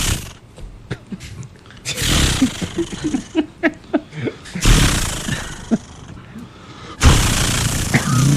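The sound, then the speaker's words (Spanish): A voice imitates a chainsaw: sputtering pulls to start it, then loud, raspy revving bursts that rise and fall, ending in a sustained harsh buzzing roar. “¿Cómo es que hace la sierra”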